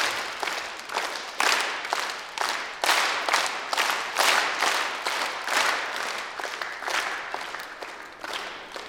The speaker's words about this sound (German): Okay, dann machen wir jetzt dann wieder einen Dreiertakt. Und dann werde ich lauter zeigen, dann müsst ihr lauter klatschen und leise, dann leise.